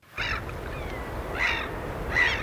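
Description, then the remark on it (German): Three harsh seagull calls ring out in the wind at intervals over a steady, rushing wash of waves on a Swedish coast in the middle of the night, picked up by a microphone for a live Swedish radio birdsong broadcast; the surf noise is continuous and fairly loud beneath the birds. “Möwen und Wellen, guter Stoff, sagt einer der Moderatoren im schwedischen Radio.”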